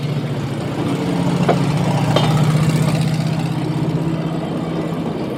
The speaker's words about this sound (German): Sieht aus wie ein Auto. Ein Schienenauto. Hören wir mal das Schienenauto. Das kennt man schon, aber Schienenauto ist mal was Neues.